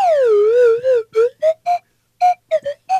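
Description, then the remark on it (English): A slide whistle swoops downward in a long wavering glide, then toots a series of short, bouncy notes with brief gaps between them, loud with no talking. “That the, of course, the slide whistle came into play.”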